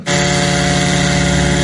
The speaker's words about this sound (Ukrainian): Дрон «Лютий»